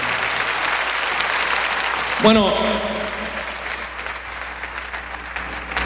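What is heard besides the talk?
audience applause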